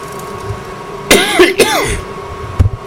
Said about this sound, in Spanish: ¿Tienes tos?